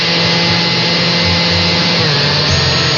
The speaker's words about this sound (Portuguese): Agora, coloque a gelatina no liquidificador junto com a água fervente.